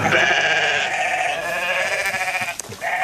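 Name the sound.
sheep bleating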